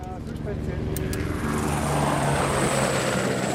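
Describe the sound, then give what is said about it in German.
A helicopter's rotors spin up before a flight carrying course participants, a loud, steady engine whine and rhythmic thrum that builds slightly in strength and fills the whole clip without pause. “Die Rotoren laufen an.”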